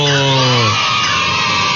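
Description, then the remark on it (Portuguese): A grey-cowled wood rail (saracura-três-potes) gives a loud, harsh, buzzy call with a strained, rasping tone, briefly tonal and then breaking into rough noise, filling the whole short moment with no talking. “É a Saracura Três Potes, a ave de hoje.”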